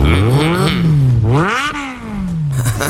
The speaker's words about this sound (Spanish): Mira, mira cómo suena la moto. Mira, mira, mira, mira.